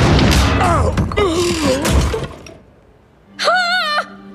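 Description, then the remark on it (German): A heavy marble owl statue crashes down onto Labienus' head with a loud, noisy impact mixed with a warbling cry. After a brief lull comes a short, wavering, tonal wail. “Da knallt der Marmor-Uhu auf Labienus' Kopf.”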